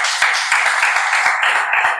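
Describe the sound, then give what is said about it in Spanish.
Steady applause from a church audience welcoming a pastor and his son, a dense, continuous wash of many hands clapping at once, fairly loud and sustained throughout with no voices over it. “Dios te bendiga muchísimo, y su hijo, un aplauso para él.”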